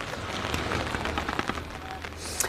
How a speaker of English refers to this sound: Bit of rain there. Bring in the umbrella.